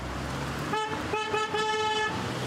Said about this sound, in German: wurde vom Hupen aufgeschreckt